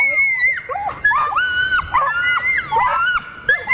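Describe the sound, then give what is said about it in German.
A Nova Scotia duck tolling retriever lets out the so-called Toller scream: a series of loud, shrill, drawn-out screaming whines, five or so piercing cries that rise and waver in pitch with barely a pause between them. “Dann haben die sogenannten Toller-Schrei und der ist eben sehr laut, sehr schrill, geht gefühlt durch Mark und Bein.”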